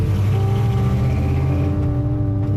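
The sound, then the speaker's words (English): Jody's car engine revs with a loud, steady low droning hum right after an election result, its pitch shifting slightly before he drives off. No one speaks. “That's Jody revving his engine, and he drives off.”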